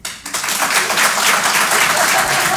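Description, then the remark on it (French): An audience bursts into steady applause in answer to being asked who has a gym membership and actually goes, many hands clapping together in a dense, sustained wash of sound that stays loud and even throughout. “Par applaudissement encore une fois, qui sont ceux qui ont un abonnement à la salle de sport et qui y vont ?”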